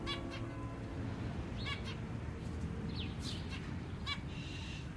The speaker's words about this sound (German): Im Sommer kaufte er mir ein Zebrafinkenpärchen. Den Käfig hingen wir im Hinterhof an dem Balkon, wo die Vögel mit den anderen Käfigbewohnern der Nachbarn kommunizierten. Wir stehen auf dem Balkon und hören ihrem munteren Gezwitscher zu.